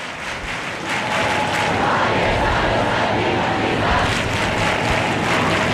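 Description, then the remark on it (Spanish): A dense, steady roar of a large crowd fills Madrid's Puerta del Sol at 11:11, many voices blending into continuous loud murmur and shouting, with no single speaker standing out; people are singing, clapping and raising their arms while a police cordon is deployed. “El sonido que llega de la plaza, o sea, 11 y 11, 10 y 11 en Canarias, y suena la Puerta del Sol de Madrid.”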